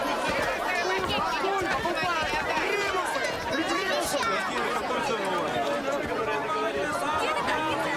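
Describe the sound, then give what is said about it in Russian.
Dense crowd chatter on a busy square where hardware, irons and locks are laid out on cloths on the ground, many overlapping voices merging into a steady, unbroken hubbub with no single speaker standing out, holding an even loudness throughout. “Оживленная площадь.”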